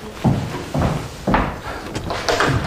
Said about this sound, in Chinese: 来，再来，我去开门。